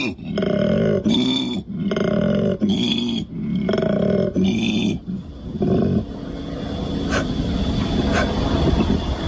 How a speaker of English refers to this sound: Jeff from Woodridge has asked whether or not we could play some of the koala mating sounds. I've warned you, it's not pretty. This is what it sounds like.